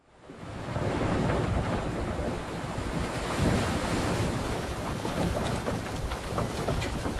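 Steady roar of Pacific Ocean surf and gusting wind on a fair, fresh morning at sea, on the third day of the chase for Moby Dick, fading in quickly and then holding loud with rolling swells, and no voices.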